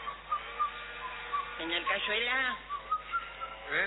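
A man leaning on a railing, smoking and waiting, whistles a lilting tango melody in short, clear phrases, with a brief stretch of voice in the middle before the whistled tune resumes.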